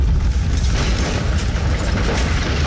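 A heavy, rumbling explosion of a grenade hitting a military truck on Huanghe Road, setting it on fire, roars steadily for a few seconds, deep booming low end with crackling noise spread over it, loud and unbroken, with no voices.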